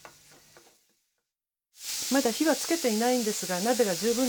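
Minced meat, added after finely chopped ginger, sizzles steadily in a preheated pot as it is stirred with a wooden spatula to make fine-grained soboro. A quiet scrape comes first, then after a short silence a loud, continuous sizzle starts, with a voice speaking over it.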